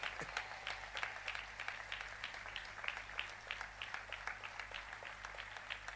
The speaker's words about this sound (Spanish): ¡Fuerte el aplauso! ¡Aleluya!